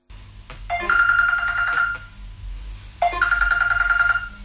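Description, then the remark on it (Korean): A telephone rings twice in bright, trilling electronic bursts, each lasting about a second with a pause between, clear over a low background hum. “식사 후 일주일도 지나지 않아 위형이 다시 전화를 걸어왔다”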